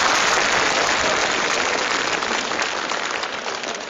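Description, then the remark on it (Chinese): An audience claps for a performer coming on stage, dense, continuous applause, a loud, steady wash of many hands that eases off slightly toward the end. No one speaks over it. “您瞧，刚才陈寒柏老师上场，台下这掌声笑声不断，到我这儿呢，就是一个发型啊，我就没亮点。”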